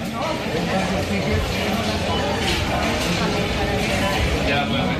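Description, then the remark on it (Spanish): Busy indoor food market ambience at the Mercado de la Concepción in Barcelona, Spain: a steady wash of overlapping crowd chatter and murmuring voices, with faint clinks and bustle throughout, continuous. “Mercado de la Concepción en Barcelona.”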